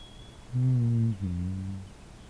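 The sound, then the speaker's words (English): A musical two-note bird call rings out clear, a steady higher note followed by a slightly lower, longer one, like a falling 'dee-dum', with quiet background and no talking. “I don't know the name of this bird, but I am familiar with it.”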